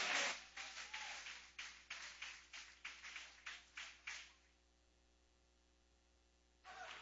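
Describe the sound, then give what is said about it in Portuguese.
A church audience, standing, claps together loudly in a steady rhythm for about four seconds to welcome someone, then the clapping stops, leaving a quiet hum before another burst of noise starts near the end. “Todos de pé, vamos receber com palmas bem forte, que louve ao Senhor.”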